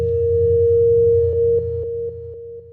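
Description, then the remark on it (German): A steady, unbroken electronic alarm tone at a single mid-high pitch, sounding over a low droning hum, with faint rhythmic pulses toward the end as the level steps down. No one speaks. “Mama, hörst du den Alarm?”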